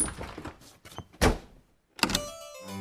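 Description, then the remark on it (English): A door thuds firmly shut, followed moments later by a second sharp knock of a lock or latch, with a faint rattle beforehand and a brief tonal hum trailing at the end. “Locked the door, and the three bears played happily.”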